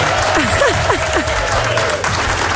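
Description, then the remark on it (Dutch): An audience claps steadily and loudly for the whole stretch for a participant who has just been thanked for taking part, a dense wash of applause with a few brief, swooping cheers rising out of it near the start. “Applaus voor jou.”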